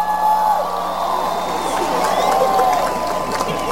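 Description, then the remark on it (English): A large audience at a Danbury Public Schools graduation ceremony claps steadily as the superintendent is introduced, with scattered cheers and whoops rising over the dense, continuous applause, holding at an even, fairly loud level throughout. “I'm going to try to figure out why you're clapping though.”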